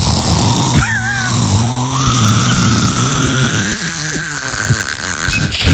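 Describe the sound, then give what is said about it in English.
A voice imitates a man's loud, rumbling snoring while he sleeps, a continuous growly rasp that shifts in pitch and texture for several seconds, with no other talking. “give people like an impression of what it sounds like when he's sleeping.”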